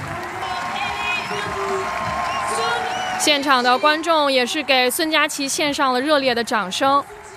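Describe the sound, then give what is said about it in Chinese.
A crowd applauds in a steady, broad wash of clapping and cheering for about three seconds, spectators giving Sun Jiaqi warm applause after her performance, then a man starts talking over the lingering crowd noise. “现场的观众也是给孙佳琪献上了热烈的掌声。”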